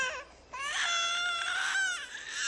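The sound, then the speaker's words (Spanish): An infant wails through a baby monitor in two long, strained cries with a brief gasp between, the pitch rising and wavering, loud and thin-sounding. “Oh, la alarma del bebé.”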